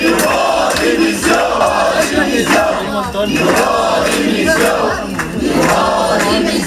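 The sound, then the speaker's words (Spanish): About a hundred protesting teachers who have entered the Serveis Territorials d'Educació buildings in Barcelona, Catalonia, shout and chant together in rhythmic bursts, demanding the resignation of education councillor Esther Niubó; a loud crowd with voices overlapping steadily and brief dips between surges of yelling. “Inclusive un centenar acaba de entrar en los edificios del Serveis Territorials d'Educació de Barcelona a gritos solicitando la dimisión de la consellera Esther Niubó.”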